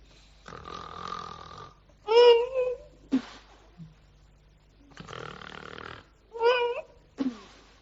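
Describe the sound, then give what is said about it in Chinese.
A voice imitates the snoring of two brothers asleep on a bed after drinking, in two repeated cycles: a long, raspy drawn-in breath, then a throaty, rattling snort, then a short sharp puff of air. No other speech. “再一瞧，这哥俩四脚拉叉，仰面朝天，躺在床上睡着香啊，这呼噜打得都与众不同啊，一勾一抽加一吹。”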